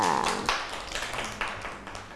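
Children clap their hands in a loose, uneven burst of applause, sharp slaps overlapping at a moderate volume for a couple of seconds, with a brief high tone near the start.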